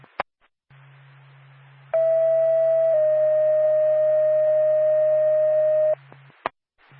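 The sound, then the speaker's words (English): A radio dispatch alert tone for Lancaster Ambulance: one steady pitch holds for about a second, then drops slightly to a second long tone lasting three seconds, over a low hum, with sharp clicks before and after. “Stand by for tone.”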